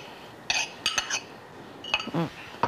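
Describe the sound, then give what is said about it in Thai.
Cooked noodles being lifted into a bowl and tossed with garlic oil so the strands do not stick: a handful of short clinks and scrapes of utensils against the dish, coming in irregular bursts with quiet gaps between. “ยกลงใส่ชามแบบนี้เลยแล้วก็น้ำมันกระเทียมที่เราใส่หม้อเขียวไว้เนี่ยคลุกไว้เส้นจะได้ไม่ติดกัน”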